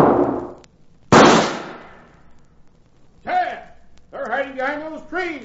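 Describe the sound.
Two loud, sharp carbine rifle shots ring out during a shootout, each cracking and then trailing off in a long echoing decay, followed by a couple of shouted voices.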